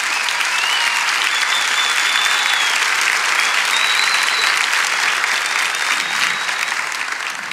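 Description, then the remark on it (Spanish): A crowd claps steadily for Jesus for several seconds, a dense, even wash of applause at a constant loud level, with a few faint whistles rising above it and no one speaking. “Vamos, dale ese aplauso a Jesús.”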